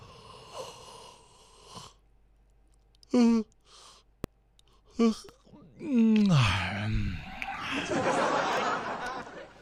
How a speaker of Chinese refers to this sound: 这个打哈欠果然是会传染的。我老公在主驾，我在副驾，他打了个哈欠呢，他就打了一个哈欠，结果我这一路上打个不停啊。我来试一下，看看会不会传染给大家啊。